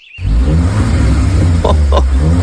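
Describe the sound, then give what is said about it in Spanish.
A Renault Kardian car engine starts up abruptly and runs loud, a deep steady rumble with a couple of brief sharper bursts near the end, no voices. “Y sí, Renault Kardian es el ganador del premio auto del año 2025.”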